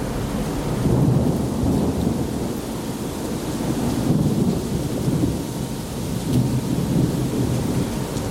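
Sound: thunderstorm at sea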